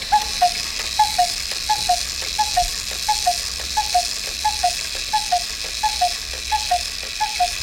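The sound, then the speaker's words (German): A cuckoo clock sounds its two-note falling call about a dozen times in a steady, even rhythm, with soft mechanical ticks between calls over a faint background hiss. “So klingt die Kuckucksuhr.”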